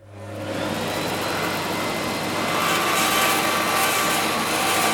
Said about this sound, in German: Konzentriert führt Jannik Mehnert ein Stück Holz durch das Sägeblatt.